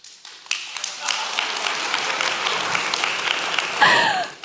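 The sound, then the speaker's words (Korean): A crowd bursts into sustained applause, many hands clapping densely and steadily at moderate volume, swelling slightly near the end with a voice briefly audible over it; an audience at a talk applauding the speaker's mention of entering Seoul National University's business school. “이 시점에서 박수가 나올지 몰랐는데 감사합니다.”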